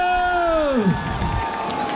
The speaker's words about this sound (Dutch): Applaus voor jullie zelf!